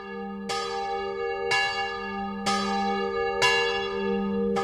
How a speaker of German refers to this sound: Die letzte Alarmglocke der Schweiz gibt es immer noch, und zwar auf dem Munot Schaffhausen. Geläutet wird sie noch heute jeden Abend am 9 Uhr.